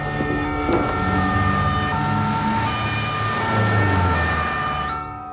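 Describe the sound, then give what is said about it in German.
An ambulance siren wails steadily with sustained tonal bands, heard amid road traffic noise. It stays loud throughout before cutting off near the end, with no voices present. “Wir brauchen einen Rettungswagen sofort.”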